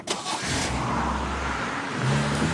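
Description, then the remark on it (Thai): A car engine drones steadily as the car's brakes fail, rising in pitch as if speeding up, with a brief harsh burst near the start that could be tires scraping. “เฮ้ยรถเป็นไรอ่ะ จอดเบรกไม่อยู่อ่ะหักซ้ายเลย ซ้ายก็เหวดิหักขวาดิ”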